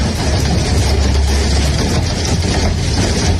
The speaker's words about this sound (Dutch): Toen hadden we die enorme horrorhagel, weet je nog? Ja, die hagel die zorgde voor enorm veel schade aan onder andere auto's.